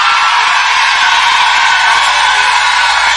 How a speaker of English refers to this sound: Now, if you're a lady in this place and you bought your own tickets, let me hear you scream.